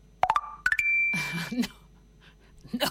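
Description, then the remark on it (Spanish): A phone's WhatsApp message notification chimes: a quick run of bright, rising electronic blips ending in a brief held tone, followed by a short burst of speech. “Parece que tengo una notificación.”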